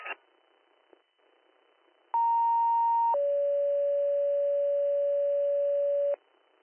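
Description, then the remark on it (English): Two-tone dispatch page over a radio channel toning out the Newark ambulance: a steady higher tone for about one second, then a long lower tone held for three seconds, loud and pure, followed by faint static. “I do have WN37 on a transport, so I'll go ahead and tone them out, see if anyone answers up.”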